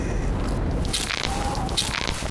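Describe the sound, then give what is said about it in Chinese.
A knee joint that has had surgery clicking and crackling as the person squats down and rises, with a couple of sharp, crunchy pops standing out over a steady rustling background; no one speaks. “我这个膝盖做了手术，就每一次蹲下去起来，它都咔嚓咔嚓的响。”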